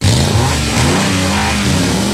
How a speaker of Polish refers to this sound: Mago Bosch Serwis Piła. Silniki już ryczą ze szczęścia.